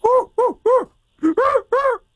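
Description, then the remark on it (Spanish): A person vocally imitates an orangutan call: six loud, hoarse hooting cries, crow-like in tone, delivered as two quick sets of three with a short pause between. “¡Ahí está el orangután!”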